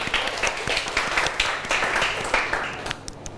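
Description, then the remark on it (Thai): A class of students in a classroom claps together at the teacher's request, a dense burst of many overlapping hand claps, steady and fairly loud for about three seconds before thinning out and tapering off at the end. “มีคนยกมือแล้วนะก่อนอื่นปรบมือก่อนเร็ว”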